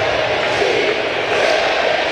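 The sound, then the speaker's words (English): A large stadium crowd at a baseball game chants the player name "Randy", a loud, continuous wash of many voices with a steady, unbroken roar and no single speaker standing out. “Crowd chanting Randy.”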